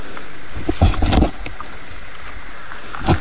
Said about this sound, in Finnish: Joo, tuo taitaa olla rupisammakko omalla osuudella. Kyllä, saadaan tähän luontoradio sopivasti täällä, kun ollaan mättähän takana piilossa. Onko todella komea kurnutus tällä hetkellä? Ja se on ainoa, mikä kuuluu.